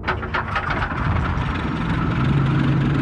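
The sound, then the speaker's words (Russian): Military vehicle engines of a Red Army company start up on the order to mount up for a forced march toward Prague: rapid sputtering bursts give way to a loud, steady, heavy rumble whose low drone rises slightly in pitch as the motors settle into idling. “Рота! По машинам! Заводи!”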